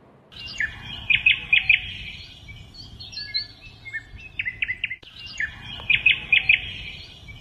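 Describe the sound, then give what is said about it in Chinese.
A Eurasian bullfinch sings clear, bright phrases of quick chirps and short whistled notes, with the same phrase returning after a pause, heard alone over a faint low background hum. “这就是灰雀的叫声。”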